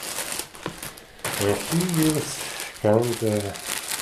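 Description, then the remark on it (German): Hundreds of black-and-white paper photographs rustle and crinkle steadily as someone rummages through boxes of them in a living room on a rainy afternoon, a continuous dry shuffling that stays fairly loud, with a man's voice briefly speaking over it twice. “Er wühlt durch Kisten mit hunderten Schwarz-Weiß-Aufnahmen.”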